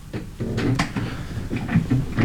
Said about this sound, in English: Every time I move on this chair, it's a little squeaky.